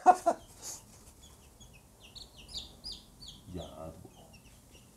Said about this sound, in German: Ja, alles Mädchennamen geben, dann, alles werden sie, dann werden sie vielleicht alles Hennen. Naja, ein Hahn brauchen wir auch.